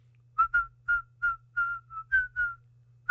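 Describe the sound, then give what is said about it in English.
Someone whistles a short song tune in place of singing its lyrics: about nine clear notes in a bouncy melodic phrase, pitch stepping up and down, with a steady low hum underneath and no talking. “And instead of singing the lyrics, I just whistle.”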